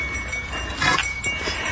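Small bells jingle faintly amid steady outdoor background noise, with a brighter cluster of metallic tinkling around the middle and lighter chiming continuing after it.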